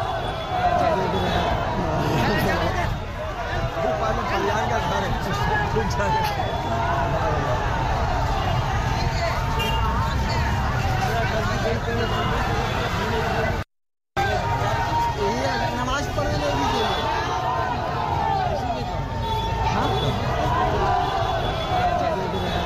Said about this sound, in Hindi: नारेबाजी आपने सुनी कोलकाता की सड़कों पर, राजा बाजार का इलाका बताया जा रहा है।